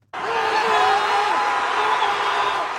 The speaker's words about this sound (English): Supporters have been chanting, clapping and cheering after the New York Knicks came from behind in the closing minutes to clinch victory after five decades.